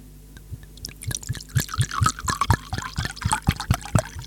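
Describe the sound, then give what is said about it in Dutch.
A drink is poured into a second glass, a steady liquid stream with bubbly, gurgling splashes and rising glugs, fairly loud, with no talking. “Nog een keer. Tweede glas.”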